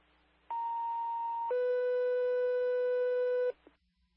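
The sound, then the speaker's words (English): Fire dispatch alert tones for Engine 39, sent in error for a call meant for Engine 37 at 3120 Goose Creek Road: a steady higher-pitched tone held for about a second, then a lower, buzzier tone sustained for two seconds, loud and clear with no voices. “The one that was just dispatched to 3120 Goose Creek Road for engine 37 hit our tones, not 37s.”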